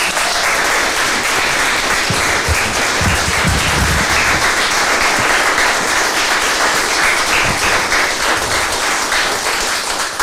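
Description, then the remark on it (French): A crowd applauds steadily for about ten seconds, a dense, loud wash of many hands clapping with no one speaking over it. “Voilà, on peut les applaudir encore, merci beaucoup.”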